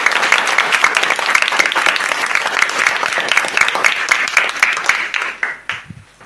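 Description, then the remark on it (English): A round of applause from a group for a correct answer in a school quiz, dense overlapping claps sustained for about five seconds, then thinning out into a few scattered claps before fading. “A round of applause.”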